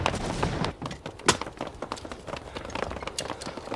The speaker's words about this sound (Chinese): 老爷，啊，你听，这枪声稀了不少。